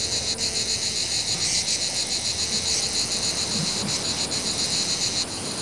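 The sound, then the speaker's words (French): A continuous, loud insect drone with a shrill buzzing band, steady throughout with slight pulsing: a male cicada singing. No voices. “cœur de cigale mâle peut atteindre jusqu'à 90 décibels chez certaines espèces, soit autant que le bruit d'une tronçonneuse”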